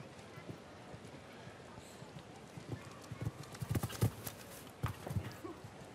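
Horse hooves clip-clop in an uneven patter over a steady background hiss, faint at first and growing a little louder in the second half.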